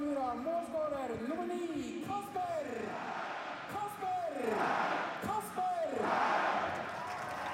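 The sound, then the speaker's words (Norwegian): A stadium crowd at a football match between Bodø/Glimt and Brann roars and shouts after a Bodø/Glimt goal, loud and sustained, with rising and falling yelled voices swelling over the din for several seconds. “Spiker roper, publikum roper, og Kasper Høg har puttet ballen I mål.”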